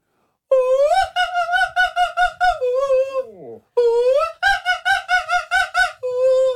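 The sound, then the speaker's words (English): A radio show caller whistles the Magic Flute tune with rapid staccato bursts of high, reedy notes in two quick runs, broken by a wobbly downward slide in the middle, loud and unaccompanied. “I want to hear people trying the magic flute.”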